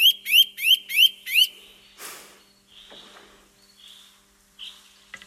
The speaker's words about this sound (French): On a parlé de la citelle torchepeau au début de cette émission. On va l'écouter, la citelle. Écoutez bien.